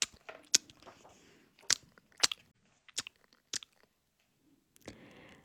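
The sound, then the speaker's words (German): Soft, wet smacking and chewing sounds come in irregular bursts, with quiet pauses between bites and no talking, as a family of mice eat cheese sitting at the edge of a field. “Man hörte nur ab und zu ein leises Schmatzen.”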